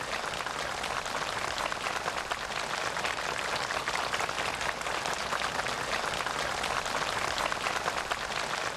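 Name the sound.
warm applause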